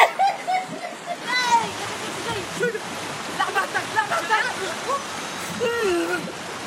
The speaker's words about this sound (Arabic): شو حلو الموجة؟